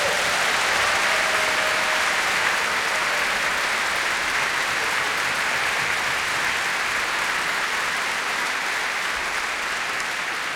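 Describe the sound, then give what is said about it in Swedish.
A large audience at a stage show claps steadily and loudly for the whole stretch, a dense, sustained wash of applause with no voices standing out, applauding the crew who work behind the stage. “Kan inte de få en riktigt stor applåd?”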